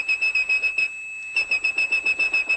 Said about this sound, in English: And one of those tones, 2600 hertz, meant a call had ended. That's the tone … whistled.